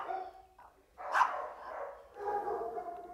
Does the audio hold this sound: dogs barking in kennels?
yes